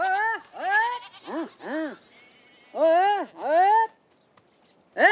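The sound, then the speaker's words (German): Goats on an island bleat repeatedly, several overlapping animals giving loud, wavering cries in quick succession with a few brief pauses between calls. “Das allerhöchste Gut sind aber Ziegen.”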